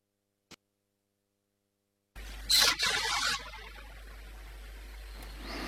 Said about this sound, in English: It's an ore train, that's all I know. But it means that our little dog, exactly. That's the rail motor talking to the big engine.